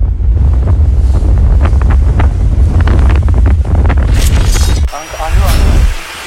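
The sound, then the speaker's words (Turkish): Strong wind roars across the microphone on a moving boat at sea between Kos Island and Bodrum, where a waterspout has formed; a heavy, continuous low rumble with gusting bursts, waves and the boat's engine noise mixed in, and brief voices near the end. “Kos Adası ile Bodrum arasında ortaya çıkan hortum, seyir halindeki bir tekneden görüntülendi.”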